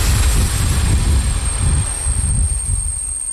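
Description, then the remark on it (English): A small diesel train rumbles along the rails to the town of Mikulov on the Czech-Austrian border in southeastern Czechia, a loud, steady low-pitched drone with faint rhythmic clatter and a hiss, with no voices. “A small diesel train brought me to the town of Mikulov on the Czech-Austrian border in the southeast of the country.”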